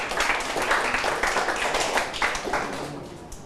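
A group of students in a class claps for a classmate after group 6 answers a teacher's question: a dense crackle of many overlapping hand claps at a steady, moderate level lasting several seconds. No one talks over it.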